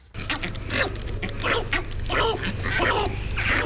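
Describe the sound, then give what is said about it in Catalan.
A northern bald ibis gives a string of hoarse, guttural calls, about eight rough bursts in an irregular rhythm, fairly loud over a steady low hum, with no talking. “És l'ibis eremita, que és una espècie molt, molt, molt amenaçada a Europa.”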